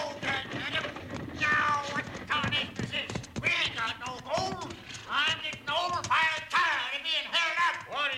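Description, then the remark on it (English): Stagecoach horses' hooves clip-clop steadily and slow toward a stop as the driver reins them in, with people talking loudly over the hoofbeats throughout. “All right, driver. Hold down on those horses. Whoa!”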